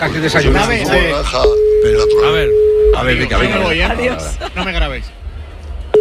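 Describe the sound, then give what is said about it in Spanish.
A steady electronic ringing tone of an unanswered call to a mobile phone sounds once for about a second and a half, a flat mid-pitched hum beneath several people talking over one another. “no cogido, contesta, hombre.”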